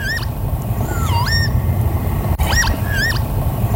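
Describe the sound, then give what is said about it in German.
A northern lapwing gives several wheezy, slurred 'pee-wit' calls, rising and falling whistles repeated in short bursts over a steady rumble of wind or open-country background noise. “2024 war es der Kiebitz.”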